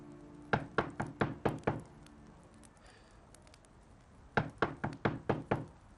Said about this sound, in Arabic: الباب يطق؟ اي يلا يلا جاك خلنا نروح افتح الباب.